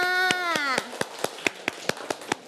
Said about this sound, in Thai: เด็กๆปรบมือให้ตัวเองค่ะ